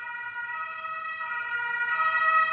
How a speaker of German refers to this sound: Shoutout an alle Krankenwagen. Ich hoffe, der Person geht's gut, dass es ein Krankenwagen ist.